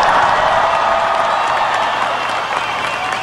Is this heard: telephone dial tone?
no